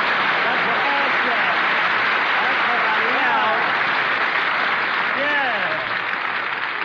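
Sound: studio audience applause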